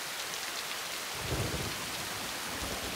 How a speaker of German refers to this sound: Zu klein für ein Unwetter wie das hier.